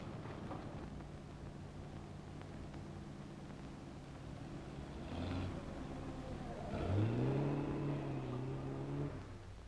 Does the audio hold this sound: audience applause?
no